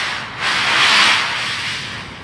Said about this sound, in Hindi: वो अपनी आंखें बंद करती है, जैसे जीवन से विदा लेकर नीचे की ओर फिसलने जा रही हो। स्लेज के फिसलने की गूंज सुनाई पड़ती है।